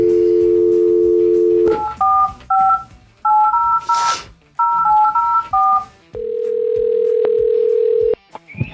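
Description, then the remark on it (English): A steady telephone dial tone gives way to a quick series of paired keypad beeps as a number is dialed, followed by a long ringback tone, all clear with no talking. “All right, let's get this man on the phone here.”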